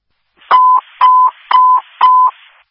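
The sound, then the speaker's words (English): Four loud, evenly spaced electronic beeps, radio dispatch medical alert tones, each a steady tone about a quarter second long with a clicky attack, repeating every half second. No voices. “Sorry, you can disregard those medical tones.”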